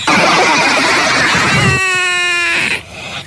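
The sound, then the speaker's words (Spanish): A voice imitates a motorcycle engine revving, a loud buzzing drone that rises into a steady, strained pitch for a second before cutting off abruptly. “Una lechuga en moto.”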